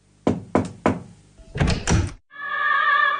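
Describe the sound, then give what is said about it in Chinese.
Three firm, evenly spaced knocks on a door, then a clunk and rattle as Yang Peipei gets the door opened and walks into the house, followed by a steady, tonal creak-like sound. No voices. “当杨佩佩敲开门往屋里走的时候，王菊特意过来迎接。”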